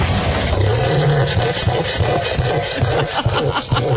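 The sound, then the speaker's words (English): A cassowary call: a loud, deep, rumbling boom that grinds on steadily, then breaks into a series of throbbing low pulses, with a rough, growling texture. “That should be a cassowary, I believe.”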